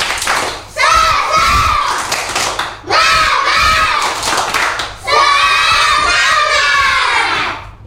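A group of children chants loudly in three energetic bursts, with rhythmic clapping and thumping mixed into their shouting voices, performing a 'tepuk semangat' (spirit clap) as a spirit test before the end of a class activity.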